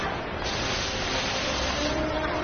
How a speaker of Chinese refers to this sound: 这是如今开封的鼓楼夜市